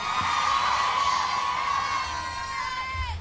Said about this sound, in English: Somebody booed marriage.